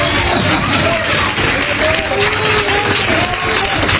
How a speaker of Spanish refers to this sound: Ese aplauso está bueno para esconderse, hermano.